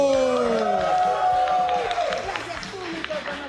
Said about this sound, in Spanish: Y ahora, muevan sus caderas radiofónicas porque queda con ustedes una mujer que gestiona su sonrisa para compartir la información. ¡Un aplauso para